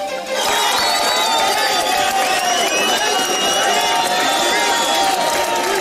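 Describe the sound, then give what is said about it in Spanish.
A crowd erupts in loud, sustained cheering and shouting, many voices overlapping in a dense, jubilant roar that holds steady throughout, celebrating a rescue in the La Libertad sector of Pereira. “Pero ahí está la explosión de alegría, porque es mucho trabajo en medio de la incertidumbre, de la angustia, de la tristeza, y se puede encontrar vida donde hay tragedia y donde muchos creen que hay muerte.”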